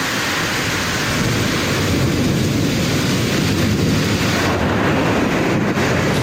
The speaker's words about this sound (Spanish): La lluvia, pero sobre todo las fuertes rachas de viento que han azotado varias zonas, han provocado también incidencias en el transporte aéreo y en los barcos fondeados en diversos puntos del litoral.